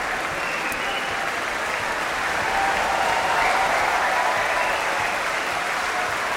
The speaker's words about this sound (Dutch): Dit applaus is voor het koor. Het Laurens Symfonisch. En daar komen de solisten weer het podium op.